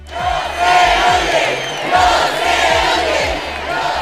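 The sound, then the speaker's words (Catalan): A large audience at the Festival de les Arts roars and whistles in protest at the low volume of the performances, with shrill sustained whistles cutting through a steady wall of shouting and jeering that stays loud throughout. “Són xiulis del públic pel baix volum de les actuacions del Festival de les Arts.”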